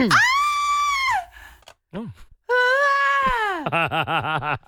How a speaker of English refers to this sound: our audio producer, has managed to find me just the most classic female scream that I'd like to play and then we'll hear yours again.